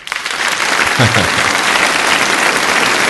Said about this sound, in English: And it's the long applause too.